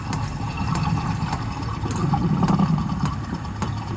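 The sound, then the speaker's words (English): A humpback whale purrs: a low, continuous rumbling purr with a steady throbbing texture, like an idling engine, runs for several seconds, punctuated by faint clicks and crackles above it. “And this is the humpback purring.”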